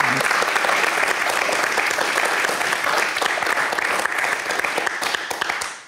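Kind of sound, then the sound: crowd, audience applause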